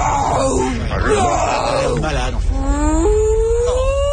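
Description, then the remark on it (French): A voice imitates a whale call, drawing out loud, wavering low moans that bend into slow rising glides, one long continuous call with no ordinary speech. “…, c'est pas du baleine. Tu parles plutôt au estomac parouillé. Bon, peut-être le baleine à bosse.”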